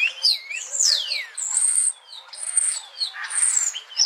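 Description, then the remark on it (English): A starling chatters in a continuous, varied medley of sweeping whistles, sliding slurs and high buzzy notes, with mimicked phrases strung together and no voices. “Here's one cool thing about starlings. They have the ability to mimic other birds and sometimes even humans.”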